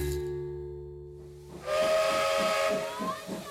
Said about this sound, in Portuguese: Vem o caminho de ferro e a máquina a vapor, depois o carro elétrico, o carril e o elevador.